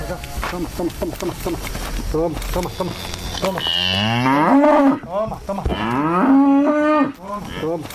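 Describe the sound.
Cows moo loudly on a farm in Carcaboso, with two long, drawn-out moos that rise and fall, following a stretch of busier sound that may include people talking.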